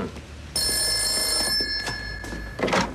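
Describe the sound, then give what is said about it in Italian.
A telephone bell rings once in a bright, sustained metallic burst lasting about a second, with faint room noise and a few soft knocks around it; a call from Signora Tarantini for Commissario Montalbano. “La signora Tarantini al telefono.”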